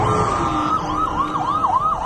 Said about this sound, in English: The sound of emergency sirens echoing across central Israel this morning, where a major manhunt is underway.